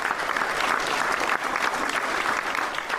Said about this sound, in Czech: Pro diváky to bylo mimořádné setkání a ukrajinské delegaci ve vyprodaném sále tleskali dlouhé minuty.